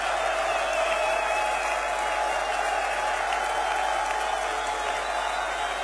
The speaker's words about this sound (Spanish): Los hijos de Shaddai aplauden.